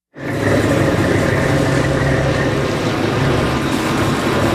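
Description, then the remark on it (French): A lobster fishing boat's engine drones steadily and loudly after a sudden start at daybreak, a constant low rumble with a broad wash of noise and no voices. “Allez, on monte à bord d'un bateau de pêche homard au lever du jour,”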